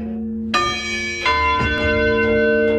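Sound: church bells ringing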